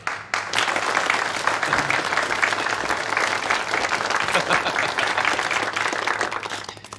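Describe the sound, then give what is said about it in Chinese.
Warm, sustained applause from a crowd welcoming Mr. Hirota, president of the Japanese Global Company, a dense wash of many hands clapping at once that stays loud and steady for about seven seconds before easing slightly at the end. “现在，让我们以热烈的掌声，有请日本环球会社的社长广田先生。”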